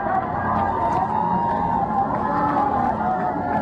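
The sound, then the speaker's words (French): A large outdoor crowd cheers and applauds the Pope as he leaves Saint-Étienne Cathedral in Metz, France, after Mass, a steady, dense roar of many voices, holding loud and even from start to finish with no clear individual speech. “On entend cette foule qui acclame le pape à sa sortie de l'édifice”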